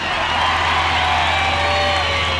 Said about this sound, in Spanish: ¡Fuerte el aplauso para el Indio!